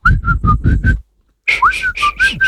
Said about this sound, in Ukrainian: Сьогодні на шапці ми будемо свистіти. От, наприклад, будемо свистіти ось так.